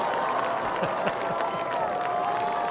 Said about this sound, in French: Et voilà. On a réussi la... On a réussi la vague. Un mercredi soir, là, je suis très impressionné.